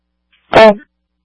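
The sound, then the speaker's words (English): A single sharp sneeze from the crew of Engine 36 crackles through a fire dispatch radio transmission, brief and loud with a compressed, band-limited quality, then cuts off into silence. “36, bless you.”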